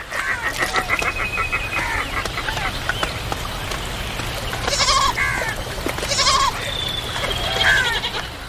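Wild goats at a river where they come to drink bleat several times in short, wavering calls spaced a second or so apart, over a steady outdoor hum with faint chirps in the background.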